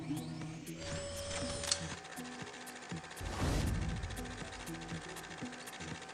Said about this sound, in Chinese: 把这本书放到这个， 直接装进去。 对对对，直接装进去，它就会自动关门，然后就把这本书送到楼上去了。 很快哦。 对。 哦，它还可以这样转。 是的，是的，它是有轨道的。